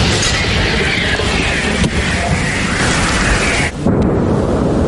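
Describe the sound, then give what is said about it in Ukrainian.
A camouflaged Msta heavy artillery gun near the coast fires a shell at Russian troops spotted in a forest on a peninsula, a loud deep blast that rolls into a long, thunderous rumble, briefly dropping off near the end before the roar swells again. No one speaks. “Заряд. Постріл.”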